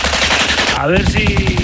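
Rapid, continuous machine gun fire rattles loudly for the whole moment, a dense stream of sharp bursts with a brief descending whine cutting through midway.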